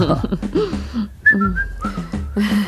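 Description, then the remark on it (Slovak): Someone whistles a short, lilting melody with sliding notes, clear, mixed with low voice-like murmuring underneath. “Pískaš si, dieťa moje.”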